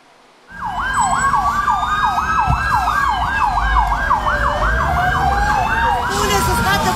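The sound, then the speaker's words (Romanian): A fire engine siren starts abruptly and cycles in fast, repeated rising-and-falling yelps, loud, over a low rumble of engine and road noise; fire engines responding to a blaze at a social housing complex in Săcălaz, near Timișoara, Romania. “Pompierii au intervenit cu mai multe autospeciale.”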